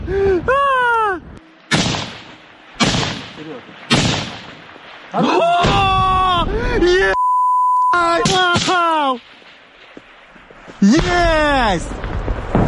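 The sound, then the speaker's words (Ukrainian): Several sharp bursts of gunfire crack out as Ukrainian soldiers shoot down several enemy FPV drones in the air, mixed with excited shouting voices and a brief steady electronic beep partway through. “А тут знищують у повітрі одразу декілька ворожих FPV.”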